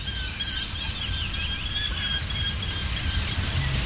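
A Eurasian hobby falcon calls repeatedly, thin high notes drifting over a steady rumble of wind or rain-like background noise.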